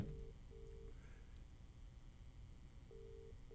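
A telephone dial tone after a caller's line drops during a radio call-in, sounding in short, steady-pitched pulses, two at the start and two more near the end, with a quiet gap between them and a low line hum underneath.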